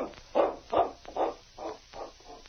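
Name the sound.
dog barking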